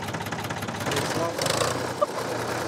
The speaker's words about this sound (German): Es ist ein Ford Super Dexter 3000 aus den 60er Jahren.